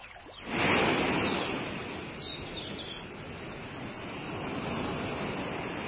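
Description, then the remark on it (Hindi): Ocean waves wash onto a shore in a steady, broad roar, swelling sharply near the start and then rolling on continuously with a gentle rise toward the end. No voices. “ये पानी की लहरों की आवाजें कहाँ से आ रही हैं? ऐसा लग रहा है जैसे किसी समुद्र के किनारे हूँ।”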